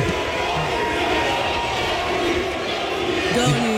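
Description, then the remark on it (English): A dense crowd of Knicks fans chants and shouts together in the arena hallways as they leave after the game, a steady roar of many voices that stays loud and unbroken throughout, echoing. “They're literally just, like, chanting in the hallways.”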